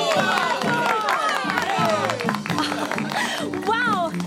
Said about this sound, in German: Völlig im Bann der magischen Zirkuswelt bestaunt das Publikum nun jede neue Darbietung. Und als endlich die Pferdeprinzessin auftritt, will der Jubel kein Ende nehmen.